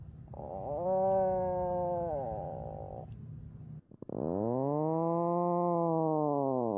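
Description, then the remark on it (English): Two long, low, groaning growls from an Atlantic puffin, the first buzzy and rumbling, the second a drawn-out moaning call that swells and falls, fairly loud with no one speaking. “The Atlantic puffin sounds like a cow.”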